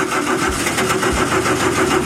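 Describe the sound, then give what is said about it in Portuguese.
An old Chevrolet Chevette car engine cranks over and over without catching, a loud, rhythmic churning of the starter that never turns into a running idle. No voices. “Olha o chevetinho nesse tempo, como é que funciona? Não pega, não.”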